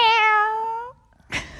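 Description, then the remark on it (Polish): A child's voice on Polskie Radio Dzieciom mimics a tiny kitten's meow: one drawn-out, high mew that sags slightly in pitch over nearly a second, then a short breathy puff after a brief pause. Close and clear. “Potrafisz naśladować jakieś zwierzątko? Tak, kota.”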